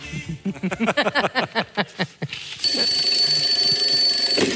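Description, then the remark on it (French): An alarm clock left switched on goes off at 4 o'clock, first with a quick run of pulsing electronic beeps, then switching to a loud, steady, shrill ringing buzz that continues without pause. “J'ai oublié de couper le réveil”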